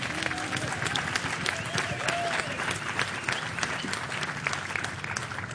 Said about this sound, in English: I think we should give them another round of applause.